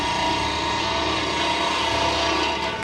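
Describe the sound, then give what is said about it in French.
A chainsaw felling trees runs steadily at full throttle, its loud, buzzing engine drone holding an even pitch without pause for the whole stretch. No voices are heard. “À chaque arbre qui tombe, c'est mon peuple qui pleure.”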